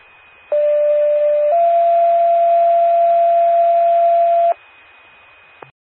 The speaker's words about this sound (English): Attention, Praline ambulance. This is a test of the Macoupin County 911 paging system. Will portable ambulance please respond?